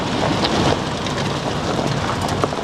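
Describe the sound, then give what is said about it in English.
Steady drizzling rain patters continuously with a gusty wind rushing underneath, a dense, even wash of grey-day weather noise with a few slightly louder drops and no voices, heard from a truck on a farm track on the eastern coast of Te Tai Tokoro, Northland. “It's grey, drizzly and windy, but not as bad as some of the weather they've had here lately.”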